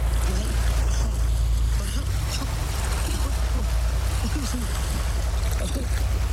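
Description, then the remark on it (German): A steady engine drone of a boat travelling along the coast, with a constant low rumble and hiss of rushing water, plus faint muffled voices in the background. “als sie mit der Ghost die Küste entlang fahren, wird ihr Schiff von dem roten Schnellboot der Gangster gerammt und Jack fällt ins Wasser”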